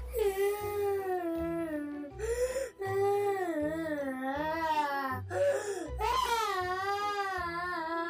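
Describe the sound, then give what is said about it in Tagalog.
A boy cries loudly and continuously after a girl riding in a car said hurtful things to him, drawn-out wailing sobs broken by short catching breaths and whimpers, upset, with no talking over it. “ba't umiiyak ka?”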